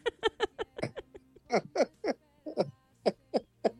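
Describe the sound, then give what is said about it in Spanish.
A barn owl gives a rapid run of about a dozen short, harsh, raspy screeches in irregular succession, clear, with no talking over it. “¿Será verdad que las lechuzas son brujas, hermana?”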